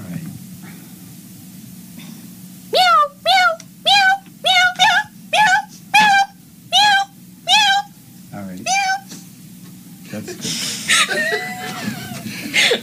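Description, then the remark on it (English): A rapid, insistent run of about ten loud meows in a steady rhythm, each short and falling in pitch, followed by a burst of rustling noise. “Frantic meowing.”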